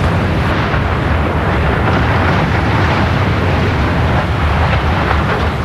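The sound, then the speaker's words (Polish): A loud, sustained roaring rumble fills the whole stretch as 50 kg of dynamite in 1,000 blast holes brings down a more than 70-metre shaft tower of the former Jasmos mine in Jastrzębie-Zdrój, heavy and dense like a blast and the collapse that follows, with no voices. “W Jastrzębiu-Zdroju wysadzono wieżę szybową po byłej kopalni Jasmos. Użyto do tego 50 kg dynamitu.”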